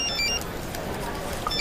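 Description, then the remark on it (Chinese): A phone ringtone chirps in short, high electronic notes at the start and again at the end, sounding over a steady murmur of background noise. “接个电话啊。”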